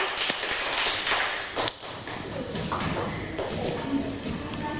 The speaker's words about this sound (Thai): เดี๋ยวเรามาเริ่มกันที่กลุ่มที่1กันเลยนะคะขอเสียงปรบมือให้กับกลุ่มที่1นะคะ